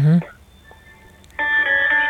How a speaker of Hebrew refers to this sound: כן, אני שומעת איזשהו צלצול ברקע.